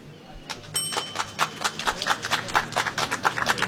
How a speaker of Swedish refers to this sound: Vi står precis bredvid Socialdemokraternas valstuga, vill jag bara säga. Där kommer applåder därifrån.